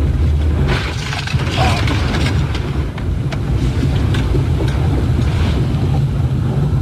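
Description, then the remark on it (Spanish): Loud, steady roar of rushing floodwater, churning and surging, with scattered knocks and clatters of debris as the water sweeps away a man in a white utility van. No voices. “Lo que podemos ver es cómo el agua va llevándolo con su camioneta de color blanco, solamente para reiterar cómo la fuerza con la que bajó el agua en esa zona, incluso se logra ver otro vehículo a un costado del suyo que va bajando a rápida velocidad”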